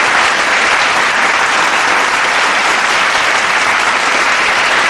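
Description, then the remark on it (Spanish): An audience claps steadily to welcome a doctor as guest speaker, a dense, even wash of applause holding at full strength for about five seconds with no voices over it. “Un aplauso, por favor, si son tan amables.”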